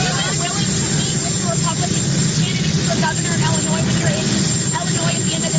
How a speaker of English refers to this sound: Here's the audio from the tarmac at the Shannon Airport in Ireland yesterday. So you hear the engines of Qatari Force One behind him, but you'll get the drift.